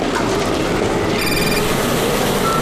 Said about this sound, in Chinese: 师傅，电话。